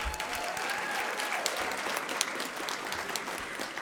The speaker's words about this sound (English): I want to thank our jury. Thank you very much. Everybody applaud for the jury.